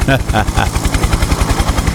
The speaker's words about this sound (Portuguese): Ah, o velho falou, o homem tá vindo de helicóptero. Fala, o que que? Tá vindo de quê? De helicóptero?